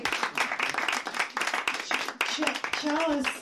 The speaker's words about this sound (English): So go ahead and clap some more. Yay.